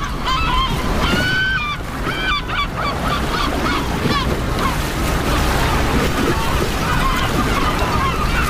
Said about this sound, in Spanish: Aquí dentro, entre detrás del espigón, el agua está tranquila, las gaviotas gritan tranquilas y al fondo se está levantando un temporal.